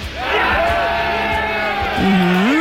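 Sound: crowd cheering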